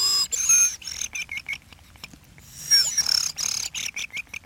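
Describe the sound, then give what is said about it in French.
Someone whistles an imitation of thrush song: two bursts of high, rapid warbling notes with a trilled, rolling quality, separated by a short quiet gap, with no talking. “C'est grives. Tout le monde ne sait pas les siffler. Il faut faire un roulement, comme moi, je sais pas.”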